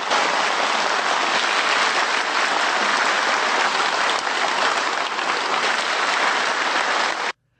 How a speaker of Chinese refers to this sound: 在刘静报告过程中，全场多次响起热烈的掌声。